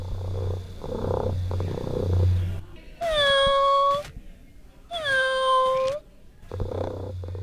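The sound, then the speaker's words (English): A RoboCat robotic pet cat named Nell, at Clear Bay, gives two loud, drawn-out meows a second apart, with a low steady purring hum before and after them and no talking. “She picked out her own RoboCat and named it Nell.”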